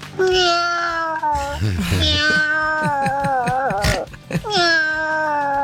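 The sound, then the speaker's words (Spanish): A caller from Vicente López imitates his cat, letting out a series of long, wavering meows, loud, with brief gaps between the drawn-out calls. “Ahí va mi Michi.”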